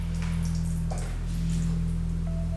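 Liquid softly trickling and dripping, with faint scattered splashes, over a loud, steady low hum that runs through the whole clip. No one speaks.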